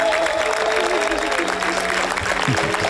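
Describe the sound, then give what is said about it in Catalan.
A large audience at the Critics' Week of the Cannes Film Festival applauds steadily and loudly as the screening of a Catalan-language film ends, a dense wash of clapping with a brief voice surfacing near the end. “I aquests aplaudiments per subratllar que a Canes triomfen aquests dies dues pel·lícules en català”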